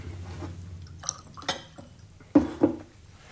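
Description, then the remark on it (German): Water is poured and sipped from a glass: a few soft clinks and brief splashing trickles, then small slurping sips, with no talking. “Geben Sie mir einen Schluck Wasser.”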